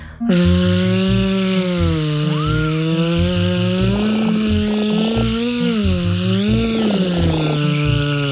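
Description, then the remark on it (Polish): Children's voices imitate a buzzing wasp with one long, unbroken zzz-like drone, made with teeth together, tongue drawn back and air let out continuously. It holds a low, steady pitch with slight wavers, stays loud and continuous throughout, and no speech is heard. “Teraz zróbmy takie ćwiczenie, gdy będziemy naśladować inne zwierzę niż konik, to znaczy osę.”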